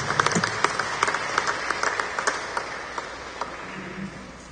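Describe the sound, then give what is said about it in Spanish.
An audience applauds steadily for several seconds as an offering of applause to the Holy Gospel at a church service, many hands clapping at once in a dense, sustained patter with occasional sharper claps standing out, fairly loud throughout. “ofrenda de palmas al Santo Evangelio.”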